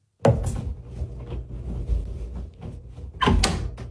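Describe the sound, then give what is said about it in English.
A closet door next to a mirror swings open with a sharp knock at the start, a low rumbling scrape as it moves, and another bump near the end; fairly loud, no voices. “The closet door next to the mirror just opened.”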